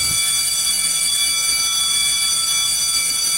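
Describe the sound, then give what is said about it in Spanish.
A loud, continuous electric bell buzzer rings without a break to open the radio show La tardeada con el sheriff on La Mexicana 91.3 FM, a harsh, steady metallic tone full of high overtones that holds at constant volume throughout, with no voices. “Ya abre el timbre y aquí comienza.”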